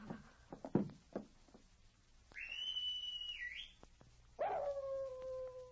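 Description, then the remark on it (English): A white dog barks in a few sharp bursts at a cabin door at night. After a distant, high, sustained whistle, it lets out a long, falling howl. No one speaks. “The animal howled again and raced back up the trail.”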